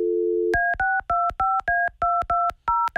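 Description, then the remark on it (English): A brief dial tone hums, then about a dozen crisp keypad beeps follow in a quick, slightly uneven rhythm, each a clear two-note electronic tone, loud with no voices, as a phone number is dialed again to call back a woman who did not pick up. “Can you guys call her again? Yeah. Hold on. Let me call again.”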